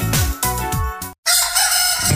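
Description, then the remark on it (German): A rooster crows loudly in a radio advertisement for McGockel, a drawn-out cock-a-doodle-doo, its harsh harmonic call rising and breaking, with a brief gap of silence before a hoarse, noisy tail. “Hier kräht der Geschmack.”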